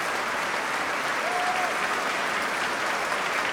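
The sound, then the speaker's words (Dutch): Sustained, dense applause from a large concert audience giving the orchestra a standing ovation, a steady wash of clapping that holds at an even loudness throughout with no voices standing out. “Want ja, het is een staande ovatie hier inmiddels.”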